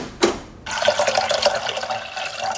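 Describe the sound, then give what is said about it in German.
A short knock, then a steady stream of water pouring into a pot for a water bath to melt dark chocolate, splashing and gurgling continuously with no voices. “Die muss ich zerbrechen und im Wasserbad erhitzen, damit sie flüssig wird.”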